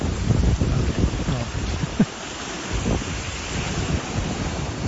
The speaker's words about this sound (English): Guess it's not the beach, technically. What was the beach? Well, it's the ocean. The beach doesn't make any noise.